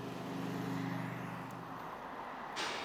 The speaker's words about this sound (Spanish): en el principal paso hacia Francia, las retenciones han superado los 10 kilómetros. Al tráfico de quienes van o vuelven de vacaciones se han sumado los camiones.